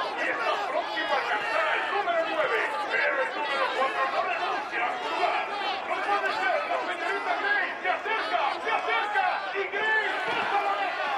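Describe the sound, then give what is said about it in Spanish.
A packed crowd in a betting centre shouts and cheers excitedly at a horse race shown on monitors, dozens of overlapping voices forming a loud, continuous roar that stays steady from start to finish. “En un centro de apuestas, mucha gente abarrotada observa monitores con estadísticas y una vista de caballos corriendo en un hipódromo.”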